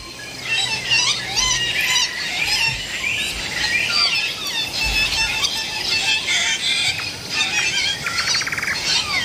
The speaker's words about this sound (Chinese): 拜氏鹦鹉一边进食，一边吵闹地叫唤着。